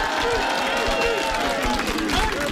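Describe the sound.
A crowd at a Radio NL event in Rode applauds a performer loudly and steadily, dense clapping running the whole time with cheering voices and shouts mixed into the roar.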